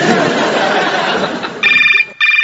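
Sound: telephone ringing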